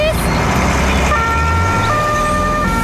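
A loud emergency vehicle siren wails steadily, its sustained tones shifting in pitch over a dense rumble of traffic noise, filling the whole short stretch.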